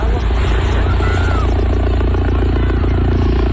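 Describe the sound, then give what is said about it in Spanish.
Loud, steady thudding of Guardia Civil helicopter rotors overhead above the beaches of San Roque and La Línea de la Concepción in Cádiz, a continuous rhythmic chop with engine roar filling the whole stretch, no pauses. “treintena de migrantes magrebíes han llegado en las últimas horas a las playas de San Roque y la línea de la Concepción en Cádiz, bajo la mirada estupefacta de los bañistas, que han recogido así el movimiento de los helicópteros de la Guardia Civil.”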